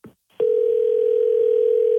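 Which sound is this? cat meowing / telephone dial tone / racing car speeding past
telephone dial tone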